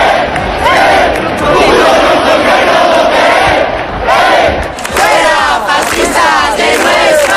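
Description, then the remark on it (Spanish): A loud, dense crowd roars and shouts continuously in the Puerta del Sol in the afternoon, during clashes between encamped protesters and a group of far-right provocateurs carrying Spanish flags and Francoist symbols; many voices overlap in agitated yelling with rising surges of chanting-like cries, the din never letting up. “Sonido de esta tarde en la Puerta del Sol, donde hemos visto momentos de tensión y enfrentamientos entre los acampados y un grupo de provocadores ultra con banderas de España y simbología franquista.”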